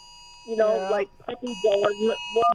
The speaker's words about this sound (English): Wait a minute, I'm getting a... All right, let me get rid of this. That shouldn't even be on there. All right, that's not an alert for Chicago. Do not get excited. Sorry, that was for Arizona.